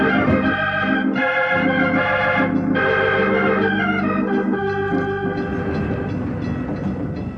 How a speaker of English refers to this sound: The train is moving.